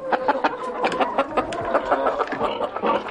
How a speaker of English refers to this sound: The first was the chicken, a bird that does not learn by listening.